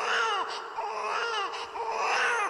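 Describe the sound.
A voice fakes loud, wailing sobs up close, a continuous whiny cry with rising and falling pitch and short catches of breath, with no other talking.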